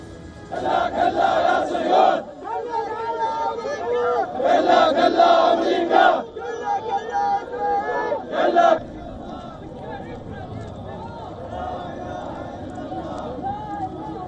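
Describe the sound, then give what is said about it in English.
A large crowd of Iraqi men chants slogans, including "death to America," in loud, rhythmic bursts of shouting as they carry the bodies of those killed, with brief pauses between phrases, then settles into a lower, steady murmur of many voices. “Earlier, Iraqi men shouted slogans chanting death to America as they carried the bodies of those killed.”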